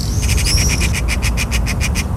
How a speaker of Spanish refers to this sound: Ahora el chasquido típico de la urraca común